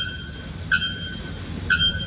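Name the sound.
bare-throated bellbird call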